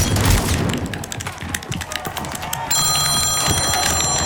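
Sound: phone ringing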